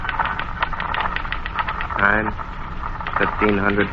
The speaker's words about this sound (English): Back aft on the port side of the superstructure is the guy who passed that word, the radio man, who sits all day long with an ear cocked to the static-filled speaker, listening, always listening, and every 2 minutes typing out his report.